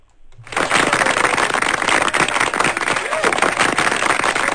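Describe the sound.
Applause from an audience after a song, a dense, steady wash of many hands clapping that starts abruptly, stays loud and close throughout, with scattered voices mixed in.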